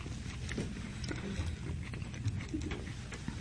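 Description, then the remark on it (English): Someone chews a tuna melt sandwich on sourdough bread, made with smoked tuna, fresh collards, pickles and Swiss cheese, with soft, irregular crunching and wet clicking sounds repeating steadily at a low level. No one speaks. “And I can hear you chewing.”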